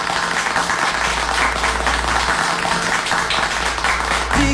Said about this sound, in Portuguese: Dá os aplausos para o aniversariante lá de Guanambi, que tá fazendo aniversário hoje.